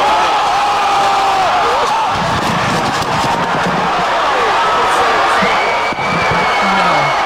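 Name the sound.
crowd cheering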